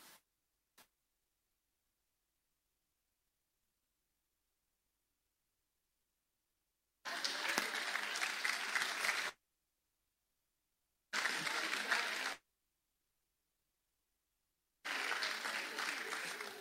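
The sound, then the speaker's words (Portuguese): Three separate bursts of spontaneous crowd applause, each a few seconds of dense, loud clapping that stops abruptly, with stretches of silence between them and a couple of faint clicks at the start. “Os aplausos naturais são muito melhores, viu? Espontâneos.”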